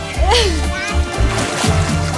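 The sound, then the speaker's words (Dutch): Water splashing and sloshing with bursts of movement as a group of women swim, and a child's voice rising briefly over the watery churn. “En hier voor mij nog veel meer die heerlijk aan het zwemmen zijn.”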